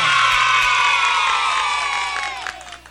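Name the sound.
applause and cheering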